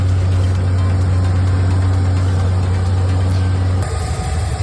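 Helicopters flying overhead near the port of Granadilla in southern Tenerife, during an evacuation operation for the Ondius cruise ship, make a loud, steady mechanical drone with a strong low hum and broad roaring noise. The tone shifts and roughens near the end. No voices are heard.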